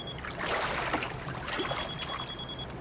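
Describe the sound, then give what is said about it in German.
A mobile phone rings with a high, steady electronic tone that comes in partway through, heard over a constant rushing, hissy background with no one talking. “Vielleicht sind die das noch mal.”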